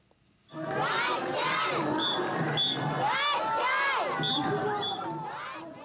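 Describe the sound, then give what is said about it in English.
A lively festival crowd at the Sakata Festival parade of ornamental floats in Sakata City, Yamagata Prefecture, northeastern Japan, roars continuously, with many overlapping voices, children's shouts and excited cries rising and falling at steady loudness for several seconds. “We take you now to northeastern Japan, where a parade of ornamental floats has drawn crowds to Sakata City in the prefecture of Yamagata.”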